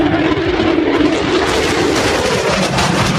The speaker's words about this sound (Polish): Niewidzialne dla radarów. Dziś do zobaczenia nad Polską. Samoloty F-35 zostaną dziś oficjalnie przyjęte do służby. Trwa właśnie uroczysty przelot maszyn. Pojawiły się już nad Westerplatte.